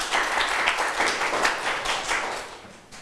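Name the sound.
classroom clapping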